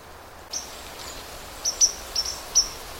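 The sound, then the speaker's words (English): White-throated sparrow calls near Lake Superior and Highway 61: five or six short, high, metallic pink notes, spaced irregularly, over a steady background hiss with no voices. “The sounds that you're hearing, little pink, pink, pink, most of that is white-throated sparrow.”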